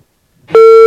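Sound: phone call disconnected tone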